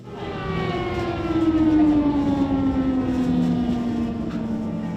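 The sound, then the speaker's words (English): An air raid alarm siren in Ukraine wails steadily, its long tone slowly sliding downward in pitch over a broad rumbling background. The sound is loud and continuous throughout, with no talking. “So we just heard an air alarm, which means that all the babies are being taken to the basement for safety.”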